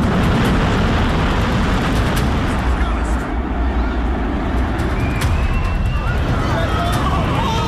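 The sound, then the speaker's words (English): A second building collapses in a loud, continuous roaring rumble that fills the whole stretch with dense, crashing noise, while faint shouting voices rise through it near the end. “That was the second building coming down.”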